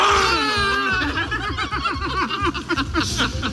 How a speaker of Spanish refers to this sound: Sí, estos eran los gritos de euforia del candidato Ulrich Siegmund y la cúpula nacional, Weidel y Krupala.